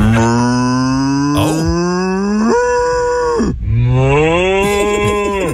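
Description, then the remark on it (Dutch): A real cow, recorded in a barn, moos loudly: two long drawn-out bellows back to back, the first rising in pitch before breaking off, the second following almost immediately with no other sounds around. “Hoe doet een koe, Zoe? Boe!”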